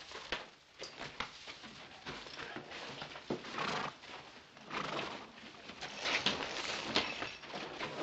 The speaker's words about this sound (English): Now, take care of your horse.